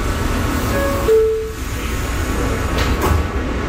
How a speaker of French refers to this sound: Le métro nous emmène maintenant plus au nord, en plein cœur de Harlem.